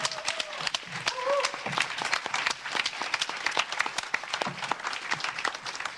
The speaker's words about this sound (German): Herzlichen Glückwunsch zu dieser Inszenierung. Einmal nochmal Applaus.